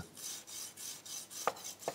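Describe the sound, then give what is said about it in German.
A knife saws through crispy duck breast skin in steady, rhythmic rasping strokes, about three per second, with two sharp crackling clicks near the end. No one speaks. “Und jetzt hört man schon, wie das so knuspert.”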